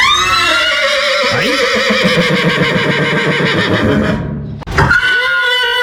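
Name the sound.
horse whinnying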